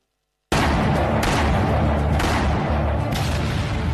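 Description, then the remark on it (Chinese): Dense battle sound effect of rattling gunfire and artillery booms evoking the gunfire at the Marco Polo (Lugou) Bridge on 7 July 1937, kicking in abruptly after a brief silence and roaring continuously and loud, with a few sharper blasts standing out along the way. “1937年7月7日，卢沟桥的枪声震醒了沉睡的中华大地，全民族抗战的烽火就此点燃。”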